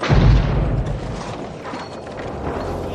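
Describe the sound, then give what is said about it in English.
A pipe bomb planted under the driver's seat of a car explodes: a heavy, deep boom right at the start, followed by a loud, sustained rumbling roar and crackling debris that fades only slightly over a few seconds. “But Backhouse never expected his wife to survive the explosion”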